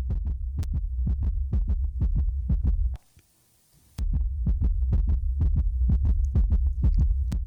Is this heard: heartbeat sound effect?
yes